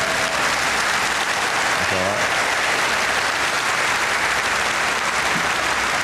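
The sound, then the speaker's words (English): A crowd claps steadily for about six seconds, a dense, even wash of applause that never lets up, with a brief voice or cheer rising out of it partway through. “You can clap for that as well if you want to.”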